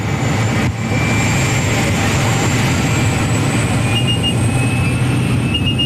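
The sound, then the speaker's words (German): Steady, loud engine drone fills the cabin of a tiny airplane carrying about ten people in colorful full-body suits, a dense roar with faint high whining tones that shift slightly in pitch, uninterrupted throughout. “Zusammengequetscht wie Sardine in der Büchse hocken wir mit etwa 10 anderen Leuten in farbigen Ganzkörperanzügen in einem munzigen Flugzeug.”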